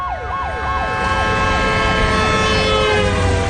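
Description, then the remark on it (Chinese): Police sirens wail loudly from a convoy of special police Jeep 4700 vehicles speeding through the streets of Binhai City, a fast rising-and-falling yelp giving way to steadier overlapping tones over a dense rumble of engines and road noise. No voices. “大街上，特警的吉普4700车队像旋风一样疾驰，警笛响彻了滨海市。”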